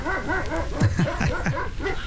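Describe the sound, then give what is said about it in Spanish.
A person imitates a dog, letting out a quick run of yappy barks and yelps with a whiny edge, loud, over about two seconds. “Ahora échate como un perro, ¿te lo sabes?”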